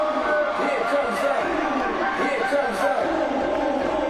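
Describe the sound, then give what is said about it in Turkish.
A volleyball match crowd shouts and cheers in a steady, dense roar of overlapping voices, loud and sustained for the whole few seconds without any clear pause. “Böyle bağırmaları, böyle yükselmeleri çok seviyoruz Vargas.”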